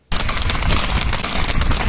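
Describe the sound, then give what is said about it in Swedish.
Many horses gallop in panic through the town of Biscarrosse on the French west coast, their hooves making a dense, rapid, continuous clatter that starts abruptly and stays loud throughout, with no voices. “I Biscarrosse på den franska västkusten galopperar hästar genom staden i ren panik.”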